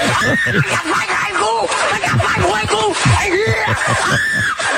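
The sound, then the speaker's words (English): A boy screams and yelps over and over in pained, high-pitched bursts, loud, with other voices clamoring around him, after putting a piece of vegetation full of fire ants down his pants on a dare. “He put a whole piece of vegetation full of fire ants down his pants on a dare for a video.”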